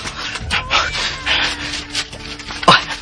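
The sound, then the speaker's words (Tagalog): A child crying in several uneven, breathy bursts over a hissy background, ending with a sharper wail that slides down in pitch. No one speaks. “Klaro na yun. Hilak yun sa bata.”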